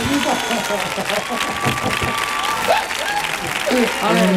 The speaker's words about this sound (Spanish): Fuerte el aplauso para Antoñito.